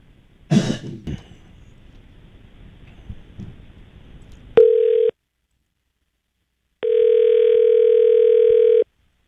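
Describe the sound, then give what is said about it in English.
A telephone call being placed to a scammer's cell phone: a short clatter and a throat sound, then a brief electronic tone followed by a longer steady ringing tone after a pause, with no one speaking. “And of course you're not going to answer it because it's the same guy. He's got two cell phones.”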